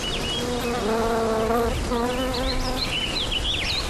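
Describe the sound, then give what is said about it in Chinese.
Bees buzz in a steady droning hum that swells and fades in two passes as they collect nectar from mituan flowers, while faint chirping birds twitter in the background over a soft outdoor hiss. “在这短暂的一个月中，花蕊蕴含浓郁的黑紫色花蜜，吸引蜜蜂前来采集。”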